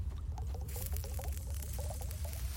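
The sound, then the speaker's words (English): Liquid glugs and gurgles steadily as it is poured, a run of quick bubbly blips over a low, constant rumble. No one speaks. “If you want some scotch, I can pour it over your head.”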